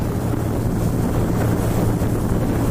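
A speedboat heading to the seal observation point on East Ant Island roars steadily across open water, its low engine drone blended with heavy wind buffeting and the rush of spray, loud and continuous throughout with no voices.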